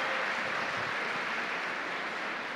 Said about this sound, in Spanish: qué bueno, démosle un aplauso a este jovencito que viene corriendo, eso sí que nos anima, qué bueno que haya sido un joven.